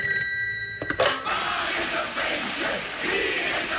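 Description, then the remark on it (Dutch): A telephone rings with a steady, bright electronic tone for about a second as an outgoing call is placed, then a click cuts it off and a loud, noisy crowd-like roar fills the rest. “Even bellen”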